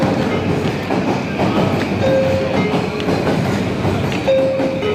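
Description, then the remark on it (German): A train rumbles steadily through Shinjuku Station in Tokyo, Japan, the world's busiest station, wheels clacking along the rails with a constant dense roar, and a couple of brief high-pitched squeals or tones ring out over the din. “Der Bahnhof Shinjuku in Tokio, der verkehrsreichste der Welt.”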